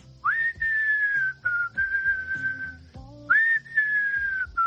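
A person whistles a tune up close, holding long, clear notes that slide up into each phrase, with brief pauses between phrases and a soft low musical backing underneath.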